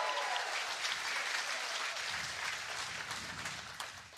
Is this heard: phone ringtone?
no